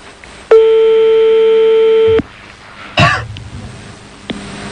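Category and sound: signal or alarm, telephone line tone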